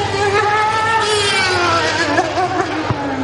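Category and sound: vehicle, fast car speeding past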